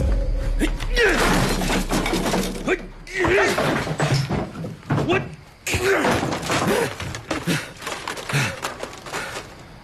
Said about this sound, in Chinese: 就你刚才砸坏的那个，可是我花了十几万做的未来商业综合体的立体沙盘呢